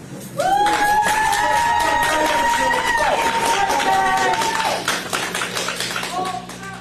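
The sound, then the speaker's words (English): An audience bursts into loud, steady applause mixed with cheering and high whoops, holding for several seconds before thinning out into scattered claps. “I'll tell you who deserves applause, not the judge.”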